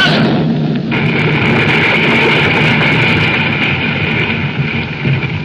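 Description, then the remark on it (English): A loud, continuous rumbling roar of shaking ground during an earthquake as the ground opens up into a chasm, dense and steady with a deep low-end rumble and hissing crackle on top, holding at full strength without distinct separate blasts. “Listen, boys. Those explosions, they're dying down.”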